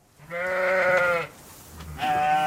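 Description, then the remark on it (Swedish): Sheep and lambs bleat outdoors as they are let out into pastures in Sweden, a long wavering bleat followed by a shorter, higher-pitched one, fairly loud with no talking. “I helgen släpps många får och lamm ut i hagarna och Sverige har goda förutsättningar att i högre grad bli självförsörjande på lamm och fårkött.”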